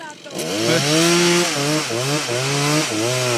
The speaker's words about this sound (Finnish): Soida lisää. Ota. Annat sen soida vaan lisää, niin kuin sen sahan.